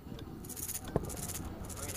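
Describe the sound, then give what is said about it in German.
A small shaker rattle, a small musical instrument with small pieces inside that knock back and forth against its walls, is shaken in quick, uneven bursts of bright, gritty jingling, with one sharper knock midway, over a low, steady background rumble. “Genau, diese Rassel.”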